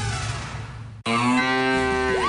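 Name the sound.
cow mooing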